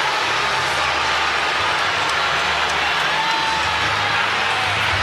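A large stadium crowd boos steadily, a dense, loud roar of many voices that holds without pause for about five seconds, with no one speaking clearly over it.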